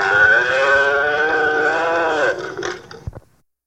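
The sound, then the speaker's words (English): A single long, drawn-out, loud cow moo, holding steady for a couple of seconds before breaking off into a few short trailing sounds and silence. “The cow says...”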